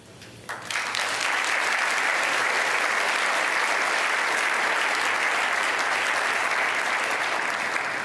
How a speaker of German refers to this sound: Das ist echt anders als im Weltspiegelstudio, wo man ein bisschen alleine steht. Und hier sind so viele Menschen und klatschen.